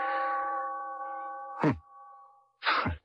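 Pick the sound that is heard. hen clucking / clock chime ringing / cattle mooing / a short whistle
clock chime ringing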